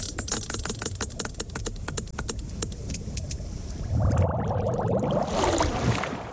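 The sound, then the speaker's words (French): Sperm whale echolocation clicks, produced by the organ called the monkey muzzle at the front of its skull: a rapid series of sharp, dry clicks in a steady, slightly uneven rhythm for about four seconds, then fading into a low, churning underwater rumble. “La deuxième narine, entre guillemets, a évolué pour devenir un organe que l'on appelle museau de singe, avec lequel il produit les clics, caractéristiques de son espèce.”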